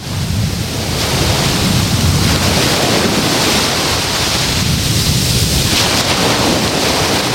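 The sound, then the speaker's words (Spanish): Sea waves rolling onto the beach at Salobreña in a west wind (poniente), a steady loud roar of surf with surges building and breaking, wind noise blending into the wash; no voices. “El sonido de las olas del mar. Así es como hoy escuchamos la playa de Salobreña con viento de poniente.”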